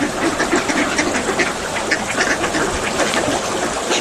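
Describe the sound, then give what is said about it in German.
Ducks on a calm lake quack repeatedly in a busy, overlapping chatter, steady, with a soft outdoor background hiss and no talking. “Das Wasser ist heute sehr ruhig und man kann die Enten hören.”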